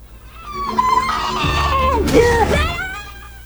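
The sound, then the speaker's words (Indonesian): A woman with acute schizophrenia screams in long, strained wails whose pitch wavers and breaks, loud, as she is shackled, lasting about three seconds with no words spoken. “Suara jeritan itu selalu terdengar setiap harinya”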